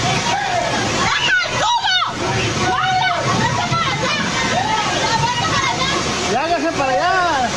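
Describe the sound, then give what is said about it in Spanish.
Loud floodwater rushes steadily through a street after intense rain, a constant churning roar with splashing, its currents sweeping away tarps, metal structures, tables and merchandise from vendors' stalls, while several voices call out and shout over it. “tras varios minutos de lluvia intensa, el agua comenzó a acumularse rápidamente sobre la vialidad y zonas aledañas, generando corrientes que arrastraron lonas, estructuras metálicas, mesas y parte de la mercancía colocada por los comerciantes.”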